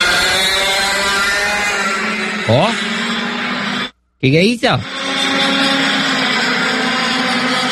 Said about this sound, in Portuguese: É uma vespa? É um besouro? Ah, não, diz que é o kart, que tem o pessoal aí, prova de kart lá no... É lá perto do meu bairro, lá.